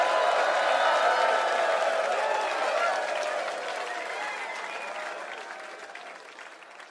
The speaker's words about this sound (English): Again, one more round of applause for the … tribute.